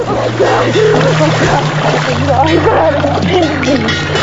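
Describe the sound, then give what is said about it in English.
Water churning and splashing steadily as a swimmer thrashes in the sea, frothing the water and grabbing onto a buoy, with a strained voice crying and gasping over it and a low constant hum underneath. “Chrissy's thrashing froths the water, and she grabs onto a buoy.”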